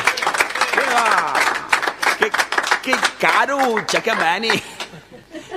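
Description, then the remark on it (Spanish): A crowd at a Halloween celebration claps and cheers loudly, with scattered whoops and shouting voices rising over steady, dense hand clapping that fades slightly toward the end. “Aplauso, por favor”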